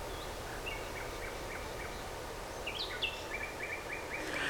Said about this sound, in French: Des oiseaux.